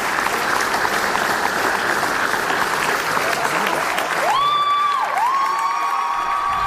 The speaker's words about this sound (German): Das überwiegend junge Publikum applaudierte bei der Generalprobe bereits während der Vorstellung.